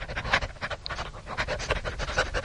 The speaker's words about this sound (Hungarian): Szemben egy kutya vacog. A lépek, ő is lép. Ugyanúgy liheg, mint én. Igen, itt még egy kutya van.